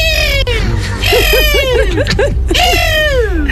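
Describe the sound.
A person imitates a hawk's call loudly as an entry in an RMF Max radio morning contest: a long, shrill falling screech, a quick run of sharp chirping cries, then another drawn-out descending scream.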